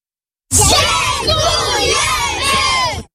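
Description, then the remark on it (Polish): A crowd of children supported by the Castorama Foundation in Poland shouts thanks to volunteer employees in a loud, sustained burst of overlapping voices, cheering and calling out for about two and a half seconds before cutting off abruptly. “Tak właśnie podopieczni Fundacji Castorama dziękują pracownikom, którzy jako wolontariusze pomagali i wciąż pomagają tysiącom dzieci i dorosłym w całej Polsce poprawić warunki mieszkaniowe.”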